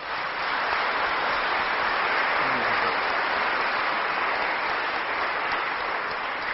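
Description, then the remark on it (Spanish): Sustained applause from a church audience after a baptism blessing, a dense, steady wash of clapping that starts almost at once and holds evenly loud for several seconds without voices breaking through. “Vamos a darle un fuertísimo aplauso.”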